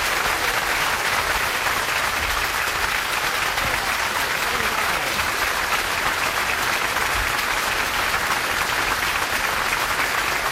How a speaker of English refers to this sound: Thank you very much. I know that makes the kids very happy. They came a long way to hear your wonderful warm applause.